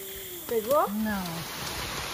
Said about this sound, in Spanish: De pronto llueve a cántaros, pero el trabajo continúa y siempre se descubren cosas nuevas.